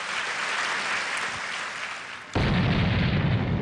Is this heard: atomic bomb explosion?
yes